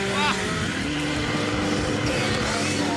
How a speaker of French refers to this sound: Ça me vibre un peu entre les jambes. C'est parfait. On est en communion avec la moto, quoi.